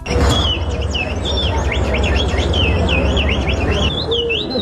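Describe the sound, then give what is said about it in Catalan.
A ventriloquist imitates a songbird with a continuous run of warbling, rising and falling whistles, fairly loud, over a steady low background rumble. “Aquest era un ventríloc imitant l'ocell.”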